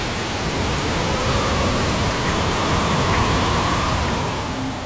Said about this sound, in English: It's here. The howling wind. The driving rain. The storm surge along the coast.